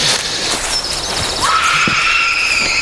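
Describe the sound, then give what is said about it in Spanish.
An eerie, scream-like cry: a thin, high wail comes in early, then a second shrill tone rises sharply and holds steadily to the end over a constant hiss. “Sí, parecía un grito, ¿no?”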